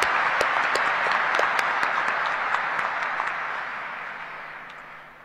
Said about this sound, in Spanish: Vamos a aplaudirle otra vez. Muy bien, muy lindo el coro, ¿eh?